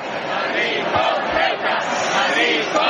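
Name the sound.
protest crowd chanting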